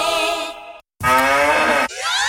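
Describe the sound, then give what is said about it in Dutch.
A cow moos loudly in a drawn-out, droning call in a Müllermilk advertisement, breaks off into a brief silence, then lets out another long moo whose pitch climbs at the end. “Al één van de vier Müllermilkflesjes met het moe-geluid is gevonden.”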